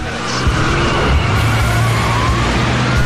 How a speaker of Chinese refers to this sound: 董杰的车和其他几辆警车飞速地驶往南环路。